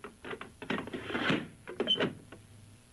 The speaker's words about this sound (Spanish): Pues esta la ha dejado bien trancada. Le ha dado dos vueltas de llave.